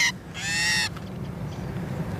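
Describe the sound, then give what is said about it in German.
A female common starling gives a loud, harsh, buzzing distress call while researchers weigh it in a small tube holder on a sensitive scale: a short note, then a longer drawn-out squawk, over low handling rustle. “Jetzt ist die Geduld der Starin dahin.”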